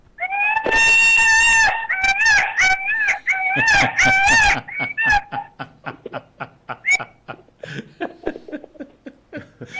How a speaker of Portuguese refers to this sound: Nessa granja tem viado, que já vi que tem galinha, aí tem esse bicho aí gritando, não sei. Que é isso?